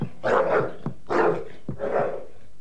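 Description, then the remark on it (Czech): A dog barks agitatedly, three loud, rough barks in a steady rhythm, each drawn out with a growling edge, and short pauses between them. “No tak chytni to psa, slyšíš? Chytni ho! A uklidni.”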